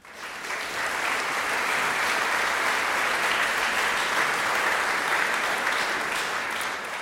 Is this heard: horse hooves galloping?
no